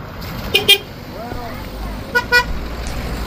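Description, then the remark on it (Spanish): Car horns honk in two short double bursts, loud, over a steady hum of outdoor road noise, in the morning on the La Culata road in Tejeda as it reopens to traffic after repair works. “Y este era el sonido esta mañana de la carretera de La Culata en Tejeda.”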